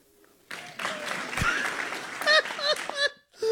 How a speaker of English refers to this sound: Actual applause! And a breath.